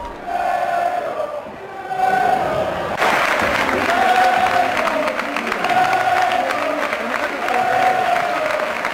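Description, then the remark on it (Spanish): A large football stadium crowd roars with sustained applause and cheering for a player as he leaves the pitch after scoring a very early goal, shouts and whistles rising over the din; the ovation swells sharply after a few seconds and stays loud and dense throughout. “Con los gritos, la ovación a Siverio ayer cuando se iba”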